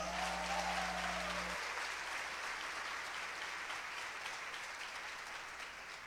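An audience applauds steadily, a dense wash of clapping that holds at a fairly even loudness for several seconds, while a low hum fades out early on.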